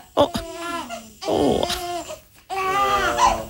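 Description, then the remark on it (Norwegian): A newborn baby cries and babbles in three short, wavering bursts, its high voice rising and falling with brief gaps between. “Men det er babyer vi produserer.”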